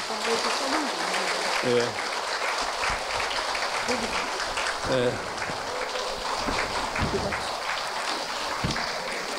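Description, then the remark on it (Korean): A crowd at a book concert claps steadily for the full length, a dense, even wash of hand claps that never fades, with a few brief voices calling out over it. “특히 오늘 어머니 보살님이 여기 오셨는데 모두 그분 위해서 박수 한번 쳐드릴까요?”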